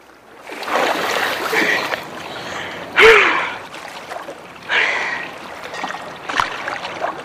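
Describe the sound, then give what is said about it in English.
Sea water sloshes and splashes in uneven bursts as a woman swims breaststroke, then sticks her legs straight up and sinks underwater, with two sharper splashes partway through, moderately loud, plus a brief gasping breath; no one speaks. “In the glistening sea, … breaststrokes before sticking her legs straight up and sinking underwater.”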